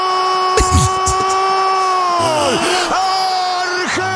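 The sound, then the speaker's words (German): A man screams loudly and without a break, one long strained cry held for several seconds, its pitch wavering and dipping near the end. “Er schreit immer noch.”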